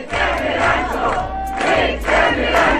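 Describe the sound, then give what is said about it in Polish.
A large crowd of fans of the Polish TV series Rancho sings and shouts together in loud, rhythmic surges, voices swelling in repeated chant-like bursts roughly every second over a dense wash of cheering, while they take photos during filming of the series' new season. “Oni tutaj śpiewają, robią zdjęcia.”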